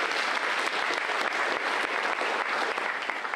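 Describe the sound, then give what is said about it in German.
Sustained applause from an audience at the Bauhaus stage (Bauhausbühne), a dense steady patter of many hands clapping at an even loudness throughout, with no voices standing out. “Dieser Applaus ist von mir für euch.”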